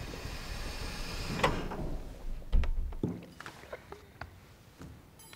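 Doors open with a sliding whoosh, a heavy low thunk, then a scatter of sharp clicks and clunks, fairly loud, with no voices.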